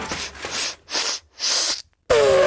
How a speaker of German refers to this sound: Oha, hoppala Gesundheit, Elefant. Ja, das war jetzt wahrscheinlich einfach nur ein Nieser, weil hier durch die Explosion eben so viel Staub aufgewirbelt wurde.